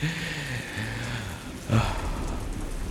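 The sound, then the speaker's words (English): Heavy rain pours steadily during a thunderstorm in the Badlands, in a dense, hissing wash, with a low hum underneath and a brief louder burst partway through. No voices are heard. “It's actually like raining a lot right now.”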